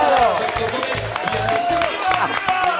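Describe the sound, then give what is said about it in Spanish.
An audience breaks into steady applause, dense overlapping claps filling the whole stretch at an even, loud level, with shouting and cheering voices mixed in throughout. “¡Un aplauso para ellos!”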